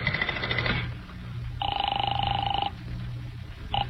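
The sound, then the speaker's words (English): A telephone ringing heard down the line as a call is placed to the Hotel Harrison, a couple of steady electronic ring bursts separated by short pauses, moderately loud over a low background hum, with no one speaking. “Well, it seems to me the easiest way to find out would be to phone the hotel.”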